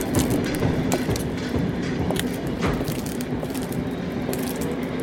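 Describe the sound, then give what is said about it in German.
Steady, loud rumble of a train moving through a station, with rattling wheels, metallic clatter and scattered sharp clicks carrying on throughout, and no voices. “Gut, dann verlassen Sie jetzt den Bahnhof genauso unauffällig, wie Sie ihn betreten haben.”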